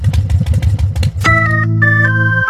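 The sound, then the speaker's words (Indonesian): A loud motorcycle engine, being warmed up for a long time, sputters in rapid, throbbing pulses, then jumps into a sustained, high, buzzing drone that holds steady with slight pitch shifts. No one speaks. “yang ada bising minyak tuh, hai. Udah bising, tambah boros lagi.”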